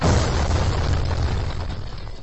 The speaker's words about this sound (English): Today's show is brought to you by all the fingers lost in all the 4th of July fireworks celebrations over the years.